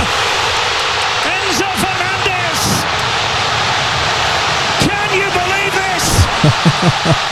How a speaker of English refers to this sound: And I've mentioned this before, when you hear the crowds that loud, that just shows how much people dig this stuff.